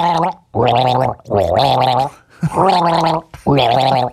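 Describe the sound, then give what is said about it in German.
Someone gargles a tune with water, four bubbling, rattling notes held for about a second each with short gaps between, the pitch rising and falling like a melody, loud and alone. “Ich gurgel dir ein Lied, pass auf, ein Schluck Wasser für mich.”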